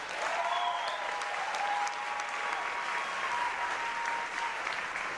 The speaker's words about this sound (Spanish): Aplauso para Puerto Rico.